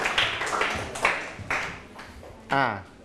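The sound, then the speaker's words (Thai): During a Thai-language lesson, listeners clap for themselves: a few sharp, evenly spaced claps, about four, land roughly half a second apart before a voice briefly speaks at the end. “ปรบมือให้ตนเองอีกครั้งครับเก่งมาก”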